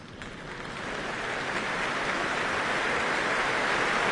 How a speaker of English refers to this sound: Right on cue, and to this welcome applause from the Royal Albert Hall, Louise Alder makes her way on stage to sing Joseph Canteloube's Songs of the Auvergne.